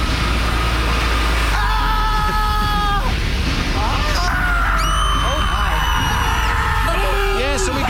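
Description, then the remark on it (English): Several voices imitate nonstop screaming at an imagined scream factory, the Foothill Screamery, overlapping shrieks and wails layered over a low rumble, loud, rising and falling continuously like a chaotic factory of screams. “What would a screamery sound like,”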